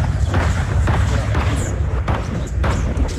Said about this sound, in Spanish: a esta hora en zona urbana del municipio de Silvia, ubicado al oriente del departamento del Cauca, se escuchan explosiones y disparos.